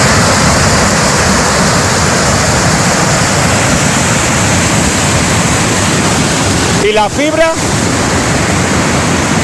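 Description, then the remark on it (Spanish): Loud, steady roar of storm floodwater running across a whole road and pouring off it like a waterfall in the Fornela Valley, El Bierzo, sweeping trees and brush along, filling the whole clip, with a brief spoken voice breaking through near the end. “En las imágenes se ve como el agua atraviesa toda la carretera y cae en forma de cascada, obligando a cortar la circulación tras arrastrar árboles, maleza y demás vegetación”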